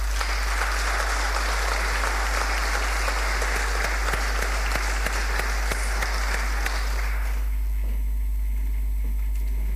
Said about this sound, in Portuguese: Uma salva de palmas.